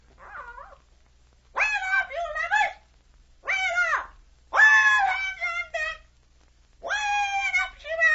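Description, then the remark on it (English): A bird calls up close in a run of loud, harsh, squawking bursts, five or so in quick succession with short pauses between, no voices alongside. “The bird will tell you what to do.”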